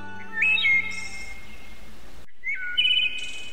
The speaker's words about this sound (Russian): Наивная птица беззаботно прыгала с ветки на ветку, издавая какие-то веселые свистящие звуки. Красивая в своем летнем оперении, она передвигалась так легко, что казалась невесомой.